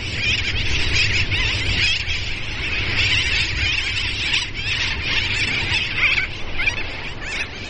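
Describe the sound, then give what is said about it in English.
A dense, continuous din of shrill seabird calls from a large nesting sooty tern colony on the Dry Tortugas islands, many birds overlapping at once with no pauses, loud, over a low rumbling background. “The islands also host more than 85,000 nesting seabirds, many of them sooty terns.”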